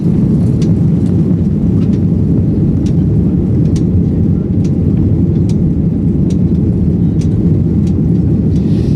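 A loud, continuous roar of an Iberia airplane heading to Montevideo drones steadily for the whole stretch, a deep unbroken rumble with faint scattered clicks above it and no voices.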